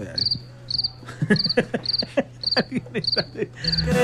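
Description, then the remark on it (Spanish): A cricket chirps steadily, about seven short trilled chirps evenly spaced, clear, over a faint low hum with soft clicking in the background; no one speaks. “Le voy a regalar el grillo ahí.”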